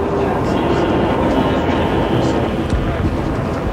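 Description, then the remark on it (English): A passenger train on the Baltimore and Ohio, heading from Chicago toward the capital: its wheels roll steadily over the rails, a loud, continuous low rumble and rattle filling the whole stretch without pause, with a faint murmur that may be voices beneath it. “Again, the wheels move round and round as we head toward the capital from Chicago and the Baltimore and Ohio.”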